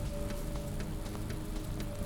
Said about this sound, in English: We'll get back to watching the end of this rain shower and leave you with the sounds.